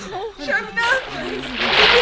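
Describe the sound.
A man jumps into lake water beside a houseboat to rescue a girl who fell in, setting off a loud, sustained splash and churning slosh that builds toward the end, with agitated voices calling out over the start.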